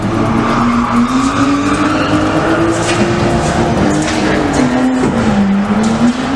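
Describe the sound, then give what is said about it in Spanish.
Tires screech in a long, wavering squeal as a car skids hard during illegal street racing in Badajoz, Spain, its engine roaring loudly underneath throughout, continuous with no voices. “Este sonido, o alguno parecido, el de carreras ilegales que no dejan de crecer en la capital pacense.”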